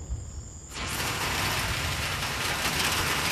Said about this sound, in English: All right, here's the rain. Woo! It is coming down like crazy. Holy moly. All right. That was a long time in the making.